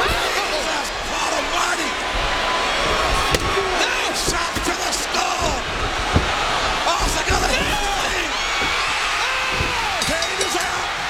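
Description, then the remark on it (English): Sharp metallic steel chair shots crack out a few times as wrestler Stone Cold Austin strikes Kane with a steel chair in a Royal Rumble match, with a couple of heavy impacts standing out above a loud, roaring arena crowd's constant cheering. “Austin's got the steel chair.”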